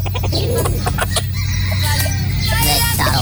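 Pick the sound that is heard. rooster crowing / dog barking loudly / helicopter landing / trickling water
rooster crowing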